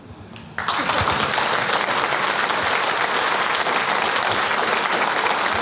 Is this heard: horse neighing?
no